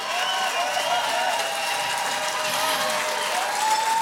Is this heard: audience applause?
yes